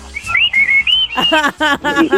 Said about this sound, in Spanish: A ver, un chiflido de todos los trabajadores. A ver. Quiero escucharlos.